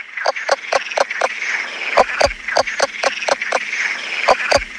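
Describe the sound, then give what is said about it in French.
A leopard toad calls in a rapid series of sharp, clucking pulses, a dozen or so, that sound much like a hen, set against a steady hissing chorus of night insects. “c'est vrai qu'un crapaud léopard qui chante comme une poule, c'est déjà original”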